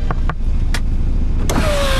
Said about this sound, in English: Soon, flashing red and blue lights lit up the street, and I heard someone tapping on my driver's window.